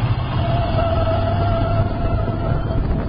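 A car brakes hard with anti-lock brakes: a loud, steady rumbling roar with a low hum and a thin sustained whine running through it for about three seconds, with no voices.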